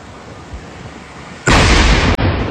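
A low background rumble is suddenly broken by a powerful explosion, a police detonation of a military-use explosive device found among vegetation in La Vicentina, central-south Quito; its loud roar fills the rest of the moment, with a brief break just before it ends.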